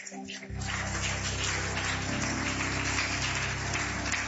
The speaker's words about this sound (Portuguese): E dê esse aplauso forte ao Senhor. E dê uma forte salva de palma para o Senhor.